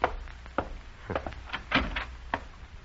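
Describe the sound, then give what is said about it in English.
A front door is opened to a caller after a buzzer sounds, with a series of sharp clunks and rattles from the latch and frame over a few seconds. No one speaks. “Oh, get the door, will you, dear?”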